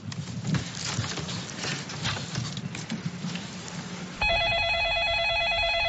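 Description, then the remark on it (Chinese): A steady clatter of background noise with clopping knocks gives way to a loud telephone ringing, an electronic trilling tone that starts abruptly near the end and keeps going. “小子接电话，肯定又跑出去喝酒去了。”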